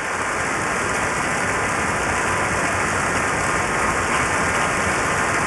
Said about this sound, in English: … returning to the stage to take the applause and disappearing again into the wings.